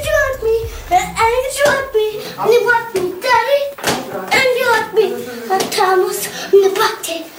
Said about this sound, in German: das sind wohl die ersten überlieferten Gesangsaufnahmen eines Popstars, der ganz offensichtlich schon als Kleinkind glühender …-Fan war